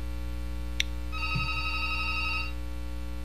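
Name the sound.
telephone ringing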